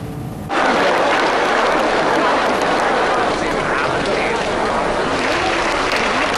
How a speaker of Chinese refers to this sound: 马先生一点点走进来的时候，全场起立，大家鼓掌。当时倪萍啊，完我马季老师，还我们都在现场，我们大家一起亲眼目睹了，就是我们相声演员能够受到观众的那种热爱的那种轰然的场面。